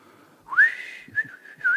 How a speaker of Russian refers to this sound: А он уселся рядом и стал негромко насвистывать. Я вообще-то люблю музыку, но в животе у меня без того играло. И я искренне пожелал этому парню провалиться вместе с его свистом.